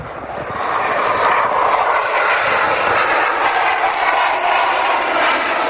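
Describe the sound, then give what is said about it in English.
A loud, steady jet engine roar fills the whole stretch, a broad rushing whoosh of a military jet fighter passing overhead, part of the military equipment the government deployed to defend the Olympics, with no voices. “The government is deploying a vast array of military equipment and personnel to defend the Olympics. Jet fighters, warships, even a nuclear submarine.”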